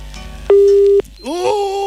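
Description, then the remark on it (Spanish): A loud, steady telephone busy tone sounds once for about half a second after a caller's line is cut off during a Maulevisión phone-in, then cuts off and a voice starts speaking. “Uy, se le cortó.”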